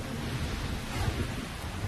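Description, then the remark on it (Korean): Steady, dense rain hisses across the whole clip while a low, rolling rumble of thunder churns underneath, loud and continuous with no pauses or voices: a storm with lightning that aircraft are flying through. “이젠 번개까지 쳐.”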